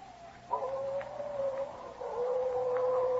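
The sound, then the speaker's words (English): Coyotes howl at night in long, wavering, mournful cries that slide up and down in pitch, carrying steadily over a faint hissing background with no voices. “Yeah, them slinking coyotes sound like banshees are wailing the night.”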